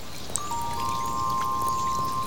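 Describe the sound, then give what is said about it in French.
Soft, steady rain falls gently onto the ground, a continuous even patter and hiss with no voices. A thin, sustained high tone hangs faintly over it. “La pluie tombe doucement sur la terre.”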